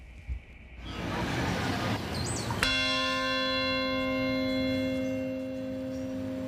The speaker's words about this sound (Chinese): 曼哈顿下城响起一声钟声，召唤全国默哀。这是自从2001年9月11号起每年纪念的六个关键时刻中的第一个。